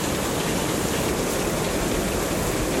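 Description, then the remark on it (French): A wind-swept waterfall roars with a dense, almost guttural, constant rush of water, loud and holding steady for the whole stretch without any voices. “Et le son presque guttural d'une cascade balayée par le vent retentit.”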